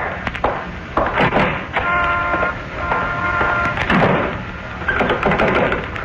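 A front door is pushed shut with a solid thunk, followed by a series of metallic clicks and rattles as the lock is turned, fairly loud.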